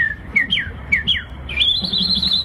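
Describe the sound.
A person imitates birdsong with bright whistled chirps: a few quick downward-sliding notes, then a long, wavering high trill, over a low, steady background rumble.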